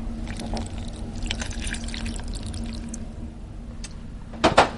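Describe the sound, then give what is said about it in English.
Half a cup of water is poured onto chocolate in a small saucepan with a steady, splashy trickle, followed by a brief louder gush near the end, while making chocolate mousse. A low hum sits underneath, and no one speaks. “What we're doing now is just putting the chocolate into the small saucepan, and to that I'm going to add half a cup of water.”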